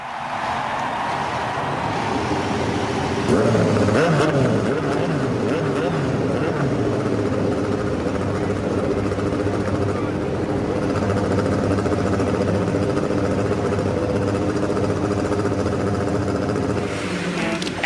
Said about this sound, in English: Race fans, and now to say the most famous words in motorsports, the chairperson of the Indianapolis Motor Speedway, Mary Hallman George. Ladies and gentlemen, start your engines.